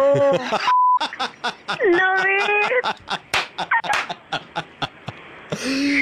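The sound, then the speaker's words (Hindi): A short, steady censor bleep cuts into an excited caller's voice during the Mirchi Murga segment on Radio Mirchi, then quick, choppy speech-like bursts and a chattering voice follow, all loud. “ये जो beep beep हो रहा था, ये बीप हटा दूं मैं?”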